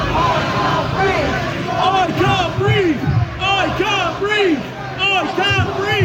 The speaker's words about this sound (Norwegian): Tirsdag kveld. En illsint folkemasse roper taktfast. Jeg får ikke puste, jeg får ikke puste.